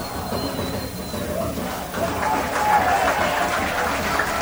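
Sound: applause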